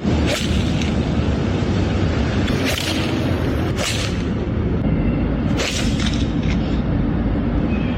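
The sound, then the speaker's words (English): Some men hit golf balls hard into traffic and buildings in downtown Los Angeles: four or five sharp, loud cracks at uneven intervals, rising over a constant heavy, rumbling roar with no talking. “Here they are smacking balls into, again, traffic and buildings.”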